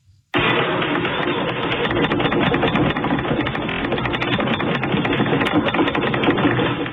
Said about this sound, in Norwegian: Et jordskjelv med styrke 4,3 rystet deler av Nordland i går kveld. Episenteret var i havet utenfor Meløy, litt sør for Bodø.